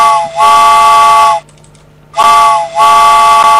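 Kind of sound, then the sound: sound effect, train steam whistle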